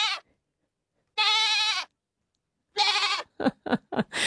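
A goat bleats loudly in the Gateway Shopping Centre car park at night, two long wavering cries separated by silence, followed by a quick run of shorter stuttering bleats.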